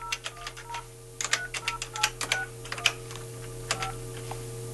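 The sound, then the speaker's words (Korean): A quick, irregular series of button presses on a phone keypad as a telephone number is dialed to call a listener during a live broadcast, each a sharp click with a short beep, over a steady low hum and no talking. “다시 한번 전화를 해볼게요.”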